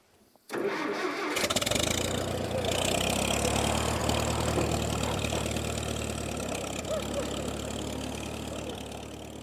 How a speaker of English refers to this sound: when I go to press this button down here that this old tractor starts.